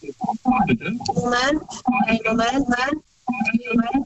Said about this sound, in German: Das Radio ist noch an. Kannst du das ausmachen, bitte?